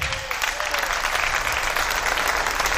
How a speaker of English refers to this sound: That's all the married people clapping, by the way.